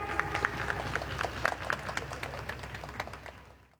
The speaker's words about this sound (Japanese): 初日11レースで見事勝利を飾りましたマシュー・リチャードソン選手の入場です。皆様盛大な拍手でお迎えください。